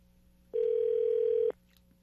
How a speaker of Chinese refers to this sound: 好，电话通了。